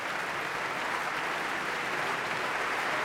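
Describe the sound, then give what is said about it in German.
A large concert audience in the Berliner Philharmonie applauds singer Rina Chacham in a steady, dense wash of clapping that holds at an even, fairly loud level throughout, with no voices rising above it. “Das Publikum ist begeistert hier in der Berliner Philharmonie.”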